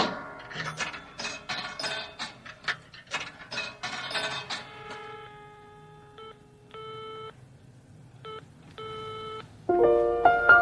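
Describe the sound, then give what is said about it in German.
A telephone number is dialed, with quick bursts of mechanical clicking, followed by a series of evenly spaced electronic tones from the line. No one speaks. “Ich sah hier gerade das Telefon und dachte, rufst mal an.”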